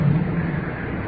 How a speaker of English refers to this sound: And we're out in the open now. On the creek. Probably can hear the water moving on out toward the ocean.